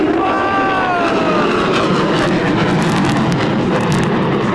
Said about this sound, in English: Look at the airplanes up there, the jets!